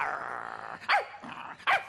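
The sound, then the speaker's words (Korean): A small puppy, Beongaemeong, growls steadily, then lets out two sharp, high-pitched barks with a softer yip between them. “하지만 에이, 말도 못하고 이렇게 조그만 강아지가 어떻게 탐험을 떠났냐?”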